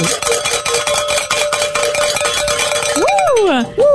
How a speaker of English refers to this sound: That is always a great way to start the hours by ringing the bells, and even better when we get to also end the hour in ringing the bells.